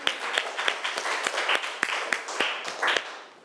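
A group of students claps loudly and steadily, a dense patter of many hands with sharper individual slaps standing out, sustained for a few seconds without any talking.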